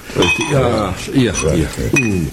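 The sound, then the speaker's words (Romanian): Glasses clink a few times with sharp, bright taps as drinks are poured, the clearest near the middle and toward the end, while people talk steadily through the whole moment. “Hai să mai bem un pahar.”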